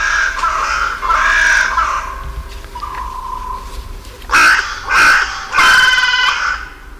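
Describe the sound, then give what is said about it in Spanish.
Hoarse, cracked caws of crows waking at dawn in the trees lining the Royal Palace at La Granja, Segovia, repeat in loud bursts, several calls overlapping, with quieter chatter between them and a soft steady background hum. Nobody speaks. “Y aquí en los árboles que flanquean el Palacio Real se despiertan las cornejas, pues, a su manera, con esta voz cascada.”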